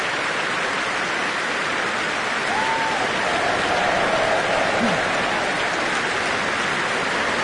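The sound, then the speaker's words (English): Dense, steady applause from a large concert audience after a performance of the Mass in B minor, with a brief faint whistle-like cheer for cellist Jonathan Byers, who played continuo, rising partway through the clapping. “That cheer for Jonathan Byers, playing such sensitive continuo this tonight on the cellos.”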